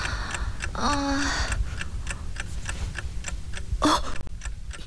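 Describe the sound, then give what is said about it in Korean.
A clock ticks steadily, about twice per second, crisp, over a low background rumble, with a couple of brief, muffled vocal sounds rising in between. “시계는 벌써 저녁 자습이 끝나던 시간을 훨씬 넘겨버렸다.”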